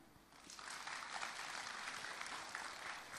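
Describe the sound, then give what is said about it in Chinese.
A crowd applauds steadily for a few seconds, honoring young designers at a down jacket design competition final show at China International Fashion Week, a dense, even wash of clapping with no voices over it. “让我们以热烈的掌声向每一位敢于想象、勇于织造的青年设计师们致敬。”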